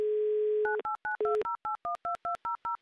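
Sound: telephone number being dialed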